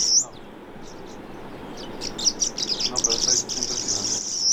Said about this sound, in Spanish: Hay golondrinas anidando en las paredes de estas edificaciones, en las grietas dentro de las ventanales también. Ahí aprovechan cualquier hueco para hacer nido. Sí, hay polluelos. Los papás están llegando a darle alimento.